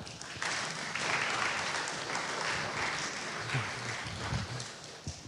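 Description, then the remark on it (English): A crowd of children claps in a sustained round of applause for the volunteers and leaders of VBS, a dense, steady patter of many hands that swells slightly and continues for several seconds, with a few faint voices mixed in. “If you volunteered, if you supported, if you were anyway a part of the leadership of VBS, I want the kids to give them a round of applause.”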